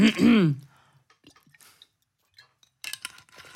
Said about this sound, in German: Aber vorher muss noch ein Schluck Wasser rein, jetzt habe ich mich aber verschluckt.